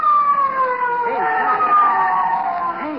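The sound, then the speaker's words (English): A police car siren wails loudly, its steady tone sliding slowly downward as it approaches, with faint voices murmuring underneath. “Hey, a police car. It's coming here.”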